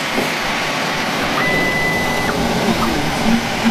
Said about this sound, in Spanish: vamos a acercarnos a la impresora.